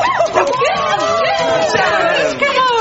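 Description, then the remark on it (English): A dog that followed someone into work barks and yips excitedly at the workplace, with chattering voices and background babble running throughout. “Whose dog is it?”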